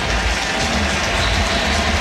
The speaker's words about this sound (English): You hear the crowd roar because it is another Philadelphia Philly.